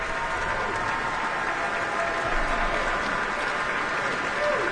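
Sustained applause from a large concert audience, a dense, steady wash of many hands clapping at an even loudness throughout, with a faint murmur mixed in.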